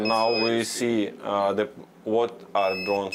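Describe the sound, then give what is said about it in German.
A thin, high-pitched electronic alarm tone from a drone video detector, signalling an approaching drone, sounds in steady stretches, fading in and out beneath a person talking continuously in the foreground. “Sobald sich eine Drohne nähert, höre ich einen Alarmton und kann das Videosignal abfangen, obwohl das ja nur für den angreifenden Piloten gedacht ist.”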